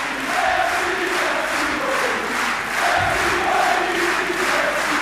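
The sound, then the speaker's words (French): A tennis crowd at Roland-Garros gives a sustained ovation to French player Moïse Kouamé, a dense, steady roar of cheering and applause that holds at a loud level throughout, with no clear voices rising above it. “Écoutez le public, l'ovation du public.”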